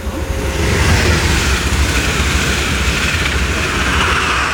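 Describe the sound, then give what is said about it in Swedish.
A train roars past on railway tracks in Aneby, Sweden, early on a Wednesday morning, a loud, steady rush of rumbling wheels and wind noise that fills the whole stretch without letting up. No one speaks. “Och där åkte ett tåg förbi också.”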